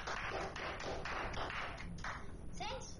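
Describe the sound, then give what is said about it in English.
A Year 5 class of children applauds together, a dense, steady patter of many small hands clapping throughout, with some voices mixed in underneath. “A round of applause for yourself.”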